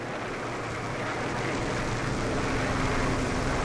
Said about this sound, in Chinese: 美国飞机这几天老在这转，怕不是好事啊。